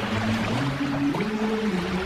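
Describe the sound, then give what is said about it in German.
Steady rush of Italian sea waves and churning water, continuous, with a low droning hum underneath like a boat's engine. No voices. “Sie hören ja hier schon die italienischen Wellen.”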